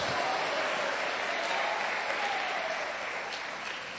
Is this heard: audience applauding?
yes